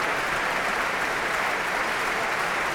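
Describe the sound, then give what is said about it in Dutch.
Sustained, dense applause from a large audience fills the main hall of the Concertgebouw in Amsterdam after a performance of Manuel de Falla's El Amor Brujo by the Orquesta Sinfónica de Castilla y León conducted by Thierry Fischer. A steady wash of many hands clapping at once without pause, with no voices standing out. “Heerlijk groot applaus hier in de grote zaal van het Concertgebouw in Amsterdam.”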